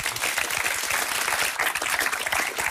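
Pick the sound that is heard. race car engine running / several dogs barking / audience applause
audience applause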